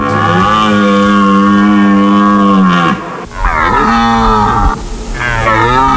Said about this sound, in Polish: Niedźwiedzie, no nie ryczą o tej porze roku, raczej wypasają się, a teraz jelenie mają swoje gody i samce jelenia ryczy na rakowisku, przywołując samice i odganiając konkurencję.